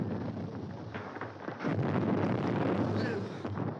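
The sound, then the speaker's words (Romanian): A deep, rumbling blast like the ground splitting apart, caused by contraction from temperature changes after a cold night: a dense, roaring rumble that swells louder about halfway through and keeps churning heavily to the end. “Mă tem că e prea târziu, stai seama ce a fost, parcă s-a crăpat pământul în două!”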